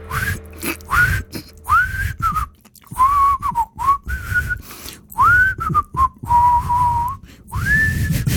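A person whistles a wandering, tuneless melody up close, with short sliding notes and brief pauses between phrases, no talking.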